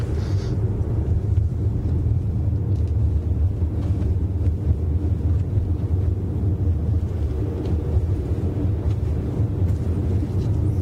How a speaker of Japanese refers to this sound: 今車をですね、東に向けて走らせてますが、ちょうど今ですね、長野から山梨県北杜市に入りました。